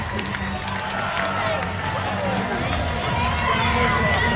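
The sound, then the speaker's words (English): A baseball stadium crowd of over 6,200 roars and cheers continuously after Amaya's hit into the bullpen ties the game at 5, a dense, loud wash of voices with scattered whistles and shouts rising above it, sustained throughout. “Crowd of 6,200-plus going bananas as Amaya has just tied the game at 5.”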